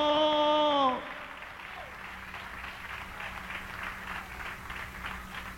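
An audience applauds steadily in praise and gratitude to the Lamb, a dense wash of many hands clapping at moderate volume, preceded by the tail of a sustained sung or spoken tone in the first second.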